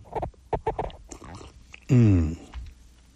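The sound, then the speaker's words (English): A cup or glass of coffee squeaks against a microphone as the speaker takes a sip, with a loud, half-second rubbing squeal, after a few quick clicks and handling knocks. No one speaks. “Sorry, it pushed up against the microphone. It was a little squeaky, wasn't it?”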